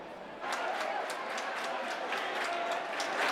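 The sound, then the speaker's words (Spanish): A crowd claps together in a fast, steady rhythm, with prayers, as the Virgin crosses the central nave of a hermitage, the sharp claps over a murmur of voices. “Y al son de las palmas y con rezos, en 6 minutos la Virgen ha atravesado la nave central de la ermita.”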